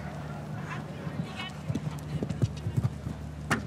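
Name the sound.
horse hooves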